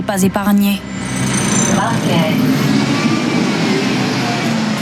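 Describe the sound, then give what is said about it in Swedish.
Busy bus stop ambience at the railway station in Dunkirk, France: a steady rumble of idling and passing bus engines as buses come and go constantly, with a crowd of voices chattering throughout. “Här på hållplatsen vid Dunkerques järnvägsstation är det fullt av folk, trots att bussarna kommer och går i ett.”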